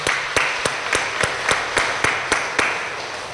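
A church audience applauds a couple's 45 years of marriage during Mass, a dense wash of clapping punctuated by sharp, regular beats as the crowd claps in rhythm, roughly three claps per second, with no voices.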